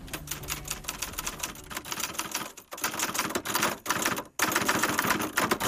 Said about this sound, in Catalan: Amem, tu què deies tu, que és això? Com una... los de los teclados. Com una màquina per escriure. Això, molt bé, una màquina d'escriure.